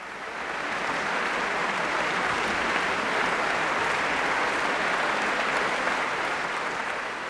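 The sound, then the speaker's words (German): A large concert audience at the Bonn Beethovenfest applauds steadily at the end of a guest performance by the London Symphony Orchestra, a dense, even wash of many hands clapping that fades in, holds at full strength throughout, and eases slightly at the end, with no voices standing out. “Es ist unüberhörbar, das Publikum beim Bonner Beethovenfest war hin und weg am Ende dieses Gastspiels des London Symphony Orchestra am Rhein.”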